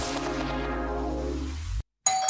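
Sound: doorbell ringing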